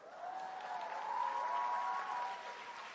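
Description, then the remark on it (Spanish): An audience claps in a steady, dense patter for a few seconds, swelling slightly in the middle, with faint voices or cheers mixed into the clapping. “Hola, pero hasta aquí no han aplaudido nada, hola.”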